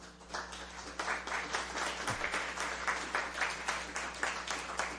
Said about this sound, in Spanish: Y quisiera empezar con un ejemplo, ¿verdad? Pidiéndole un aplauso a alguien de Radio Colomba. Vamos a ver cómo suena el aplauso de Radio Colomba.